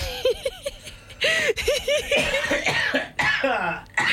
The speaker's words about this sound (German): Ich huste jetzt schon. Er hustet euch gleich was vor.